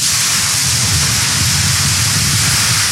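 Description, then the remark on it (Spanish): A heavy rain and wind storm over the country's coast at the city of Fray Bentos: rain pours down in a dense, steady hiss, with a low rumbling roar of wind underneath. The downpour stays loud and unbroken throughout, with no voices. “Se ha desatado un temporal de agua y viento impresionante sobre el litoral del país en este momento, sobre la ciudad de Fraiventos.”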